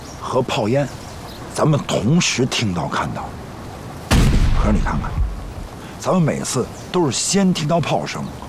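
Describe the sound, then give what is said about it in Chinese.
A single heavy boom of artillery cannon fire rolls in midway, its deep rumble fading over about a second, while men talk before and after it. “可是你看看，咱们每次都是先听到炮声，然后隔了好久才会看到炮烟，这里边肯定有问题。”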